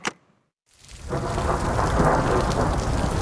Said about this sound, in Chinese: 队长，慢点，下雨滑。